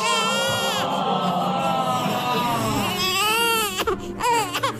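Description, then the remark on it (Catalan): A newborn baby cries loudly, a continuous wavering wail that rises and falls in pitch before breaking into shorter, choppy sobs near the end. “Aquest plor no el fem servir gaire sovint.”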